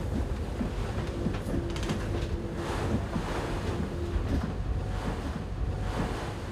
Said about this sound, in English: It's going to be a bit rough, because we're picking up speed and heading into the waves.